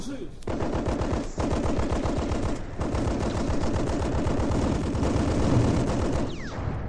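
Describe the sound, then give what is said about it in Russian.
Sustained machine gun fire rattles in rapid, continuous bursts, loud, with a few brief pauses and dense overlapping shots throughout, as machine gunners give covering fire to advancing infantry. “Пулеметчиков вперед! Пусть прикроет огнем наступающую пехоту.”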